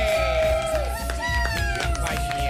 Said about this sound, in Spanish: Y un aplauso fuerte